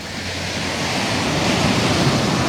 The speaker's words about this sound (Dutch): Het geluid van een branding.